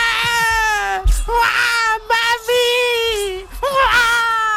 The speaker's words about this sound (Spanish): ¡Ay, qué dolor de niño, qué dolor de bebé! Llora más que Froilán, llora más que Froilán cuando le suelta el despertador a las 7 de la mañana.